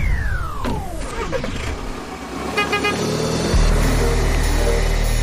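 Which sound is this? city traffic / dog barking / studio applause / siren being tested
city traffic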